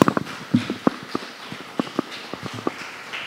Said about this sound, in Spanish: Démosle un aplauso a nuestro Rey.